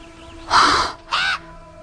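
Two loud, harsh bird caws ring out, a longer raspy call followed after a short pause by a briefer one, with a faint steady background hum and no voices.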